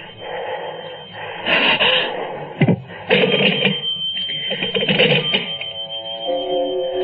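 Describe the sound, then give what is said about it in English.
An old-fashioned home telephone bell rings loudly in a rapid metallic trill, pausing briefly between bursts, with a short clunk partway through and no voices. “But perhaps this time it was Chris or Laura calling home for some reason. Why be frightened of a silly telephone?”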